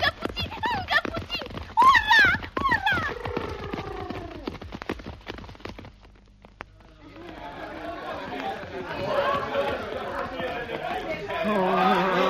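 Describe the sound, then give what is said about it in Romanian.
Rapid, clattering hoofbeats of a runaway galloping horse that will not stop despite the reins being pulled mingle with excited shouting for several seconds, then fade into a steady murmur of crowd chatter. “Așa zboară ca fulgerul căluțului! Hei, oprește! Calul!”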